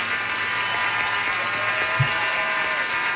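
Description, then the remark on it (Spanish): A steady wash of clapping fills the whole stretch, like a crowd applauding at an even level, with a faint electrical hum running underneath and no voices. “Aplauso, señor.”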